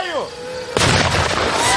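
A descending whine of a buzzing drone gives way to a sudden, loud pyrotechnic blast dropped by the drone to simulate an FPV drone strike during army training drills, followed by a sustained roaring, crackling aftermath that stays intense until the end.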